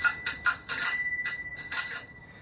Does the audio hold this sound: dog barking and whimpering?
no